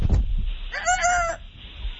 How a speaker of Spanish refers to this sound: ¡Chale, esos gallos!